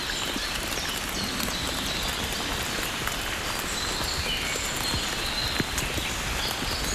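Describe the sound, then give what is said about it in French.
Fine rain patters steadily and evenly, a dense hiss of tiny drops with occasional soft individual taps on surfaces, and no voices. “Cette fine pluie.”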